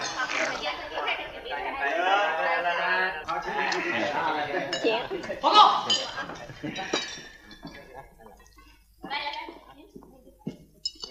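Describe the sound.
Glasses clink together repeatedly in a toast at a banquet, to an anticipated victory in an attack on Qiaotou, amid lively group chatter, the ringing taps clustered over the first several seconds before a single voice speaks briefly near the end.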